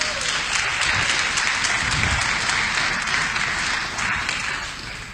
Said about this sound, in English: Come on, give the Lord a hand clap of praise in the house.